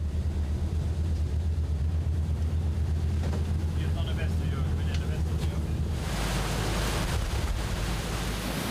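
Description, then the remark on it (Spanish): A pilot boat's engine drones steadily on the Ems river with wind buffeting the microphone, then a loud, broad rush of water surges in as the boat heads straight into a wave that meets it at the stern and churns through it. “Nuestro conductor Oli se dirigirá directamente hacia ella y la ola llegará por la popa.”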